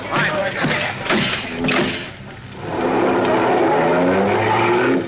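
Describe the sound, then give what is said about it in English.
A couple of sharp crashing bursts as a car drives right through a garage door, giving way to loud car engines roaring and accelerating, rising in pitch as the vehicles speed away in a chase. “He drove right through the door of his garage. Come on, Lacey, the car. Get after him”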